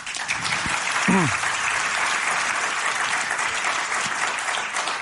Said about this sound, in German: Aus dem Applaus leite ich jetzt ab, dass wir eine hohe Bayern-Dichte offenbar im Publikum haben.